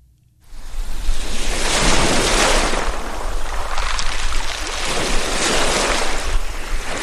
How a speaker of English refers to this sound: Lake Ontario's waves push briefly ashore, then pull back, a rhythm as old as the earth itself. It is a peaceful morning at Mexico Point State Park